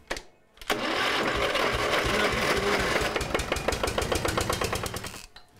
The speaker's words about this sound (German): Ja, der Auspuff klappert so. Ne? Es ist, na, dann lass mal laufen, dann hören wir uns das mal an.